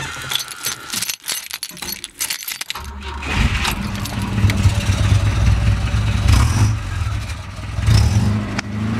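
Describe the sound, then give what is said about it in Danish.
Keys jangle for a few seconds, then the engine of a classic Volvo Amazon car cranks and catches, settling into a steady, rumbling idle. “Skal vi ikke også lige høre den?”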